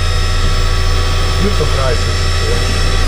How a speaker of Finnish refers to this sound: Nyt on crisis. Onko meillä nyt hassutilanne käsillä? Nyt on hassutilanne, suorastaan kriisi. Kahvinkeittimestä, mikä tää on? Pavut on loppu.